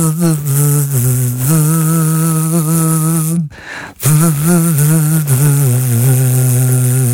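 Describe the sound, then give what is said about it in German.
A buzzy, bee-like drone hums a catchy pop hit melody, its pitch stepping up and down in a steady rhythm, briefly pausing midway before resuming. Loud, with no talking. “Und deshalb lassen wir heute die Bienen summen auf 089 Kult. Welcher Kult-Hit wird da gesummt?”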